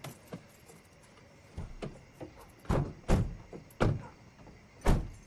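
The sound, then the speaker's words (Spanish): At night, a car with its headlights on stops in front of the Rossi family's house and the family gets out: car doors open and shut in quick succession, several solid thunks and a sliding clunk spaced over a few seconds, over a low idling rumble with no voices. “El auto se detiene y la familia se baja.”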